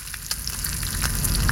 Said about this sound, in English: Or the sweet sizzle of bacon frying to the perfect crunch.